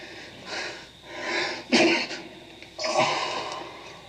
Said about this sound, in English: You've been sneezing since you first came in. Yeah, I got a cold.